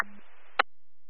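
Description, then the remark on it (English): A brief radio dispatch acknowledgment tone, sent for a unit en route to station: a low steady beep over a band of static hiss, cut off by a sharp squelch burst, then silence. Moderately loud, and no one speaks. “Received acknowledging tones en route to station.”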